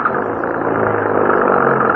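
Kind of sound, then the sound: vehicle, car engine starting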